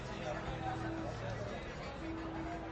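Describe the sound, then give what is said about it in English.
A steady wash of overlapping voices from a crowd on a narrow street in Mexico City lined with old brick Spanish colonial-style buildings, constant, indistinct chatter with no single voice standing out, along with faint humming tones in the background. “Old brick Spanish colonial-style buildings with skinny porches lean in on you as you move through the crowd.”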